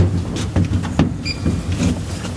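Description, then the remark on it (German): An elevator door slides shut in a glass elevator that rises 36 meters, over a steady low mechanical hum, with a few soft clunks and rattles and a brief pair of high electronic beeps partway through. “Tür schließt.”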